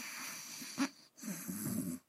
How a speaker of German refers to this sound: Er ist aber auch zu müde und gähnt. Kurze Zeit später ist leises Schnarchen zu hören.